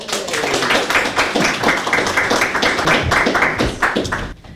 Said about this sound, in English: Everybody, please clap all the way to the microphone.